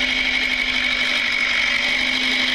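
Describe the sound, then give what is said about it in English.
A small red tractor's engine drones steadily as it drives away, with a constant low hum and a whirring, buzzy tone, holding at an even, fairly loud level throughout with no voices. “No, he just didn't, had a little red tractor.”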